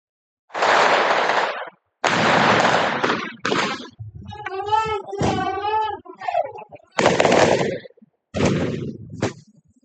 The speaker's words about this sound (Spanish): Hubo disparos y petardos.